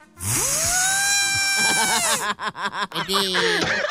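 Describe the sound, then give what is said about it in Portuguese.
A voice imitates a Japanese electronic toilet button sound: a sustained rising, warbling tone, then a quick run of bouncy, chirping pitch glides, fairly loud, with no other sounds. “E o barulhinho é sempre o mesmo. Qual que é o barulhinho? Aperta botão. Do trono.”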